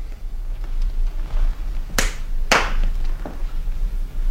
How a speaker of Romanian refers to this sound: Va să zic că tu aștepți afară și când eu bat din palme, intri.